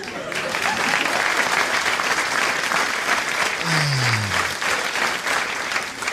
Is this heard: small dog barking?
no